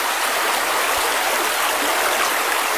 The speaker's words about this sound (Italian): Era una bianca giornata, era nero il canto del fiume